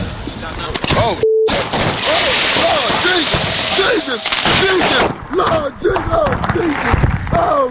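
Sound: fireworks exploding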